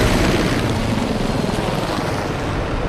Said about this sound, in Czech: Takto buráceli vrtulníky systému H1, když před dvěma týdny vítali na základně v Náměšti nad Oslavou nového velitele vzdušních sil